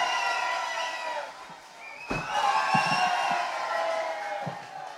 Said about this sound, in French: Mais applaudissez-le! Mais il n'attend que ça!